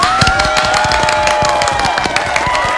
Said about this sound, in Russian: Аплодисменты ему.